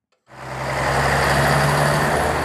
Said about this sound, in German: Das war mal Deutschlands dreckigste Verkehrskreuzung, das Stuttgarter Neckartor.